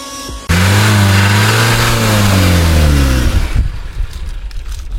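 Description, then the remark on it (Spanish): A car engine revs loudly with rising and falling pitch for about three seconds, then sputters and cuts out as the car runs out of gasoline, leaving quiet background noise. “Va, se apagó el carro. Nos quedamos sin gasolina.”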